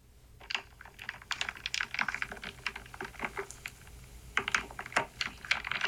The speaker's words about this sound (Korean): 이 나무 구슬 소리, 부딪히는 소리. 아. 기분 좋지 않아요? 뭐 영문을 모르시네. 아니 이 비슷한 이거. 비슷한 소리가 있는데. 나무 구슬 부딪히는 소리예요.